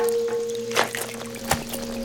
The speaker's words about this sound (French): La pluie, les flaques, ses pattes. Oh, tout fait du bruit.